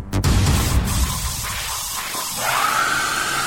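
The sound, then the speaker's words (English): A hairdryer blows steadily, a loud, continuous airy whoosh; about two-thirds of the way through, a high motor whine rises in pitch and then holds over the rushing air. “Not a woman screaming, it's a hairdryer.”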